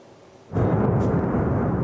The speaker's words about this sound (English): Explosions rang out across the Ukrainian capital, Kyiv, after Russia launched a barrage of missiles and drones in an attack, killing several people and hitting apartment blocks and other buildings.